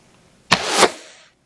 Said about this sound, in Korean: 날카로운 소리와 함께 화살이 날아갔다. 화살은 요원의 팔목을 뚫고 벽에 박혔다.